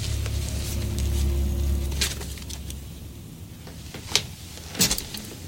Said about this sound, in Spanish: Max sale corriendo de su negocio y baja la cortina de metal